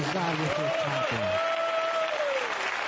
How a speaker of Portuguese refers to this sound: podem louvar a Deus com palmas para Jesus